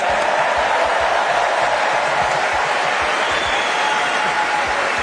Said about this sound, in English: Rory, what a beautiful jacket. Is that a Master jacket? Must be. Yeah. Round of applause for Rory for Masters, please.